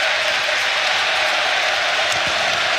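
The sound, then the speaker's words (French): A large football stadium crowd applauds steadily for a minute in tribute to the recently deceased, including former Standard player Blé, instead of a minute of silence; a dense, continuous wash of clapping that holds at an even, fairly loud level throughout with no voices rising above it. “C'est pas vraiment une minute de silence, c'est plutôt une minute d'applaudissement, comme vous l'entendez.”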